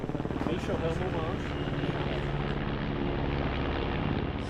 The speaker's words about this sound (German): 600 Feuerwehrleute, 9 Hubschrauber sind im Einsatz.